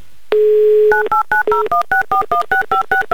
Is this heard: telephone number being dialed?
yes